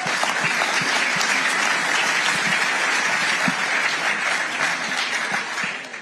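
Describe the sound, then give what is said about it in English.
A large audience applauds steadily for several seconds, a dense, even wash of clapping at a fairly loud level that tapers slightly at the end, with no voices over it. “And I think both of you truly deserve an incredible round of applause.”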